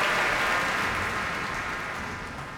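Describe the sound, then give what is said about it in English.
A concert audience applauds the members of the Boston Pops, who stand at Keith Lockhart's request, at the Kuzovitsky Music Shed. The applause is a dense, steady wash of clapping hands with no voices, holding strong before tapering off slightly toward the end. “Also a violin solo by concertmaster Alexander Velenzone as Keith Lockhart asks all the members of the Boston Pops to stand and receive the applause here at the Kuzovitsky Music Shed.”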